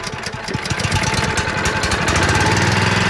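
An oversized motorized vacuum drones loudly and steadily, its rough engine chugging much like a lawn mower, with a continuous rushing suction noise and no voices, as it sucks a caterpillar nest from a tree.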